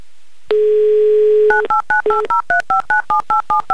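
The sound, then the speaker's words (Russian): A steady dial tone hums for a second, then a quick run of about a dozen touch-tone beeps as a phone number in Lipetsk is dialed, each tone short, evenly spaced and clear. “И еще раз набран номер телефона Яны, и еще раз мы звоним в Липецк, и еще раз пошли гудки”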